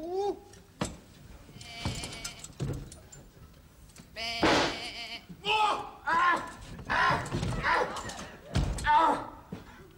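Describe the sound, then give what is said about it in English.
Sheep bleat repeatedly and loudly, quavering calls overlapping one another in a busy, agitated chorus, with a few dull thuds mixed in. “Now, normally a sheep is a placid, timid creature, but you've got a killer!”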